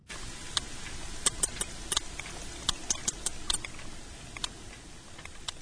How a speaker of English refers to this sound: whales have regional dialects. But is this sperm whale from the east side of the Mediterranean or the west?